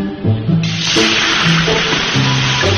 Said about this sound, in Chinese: 铁锅烧热，泡菜入锅炒出酸香，这是农家常用的味觉佐料。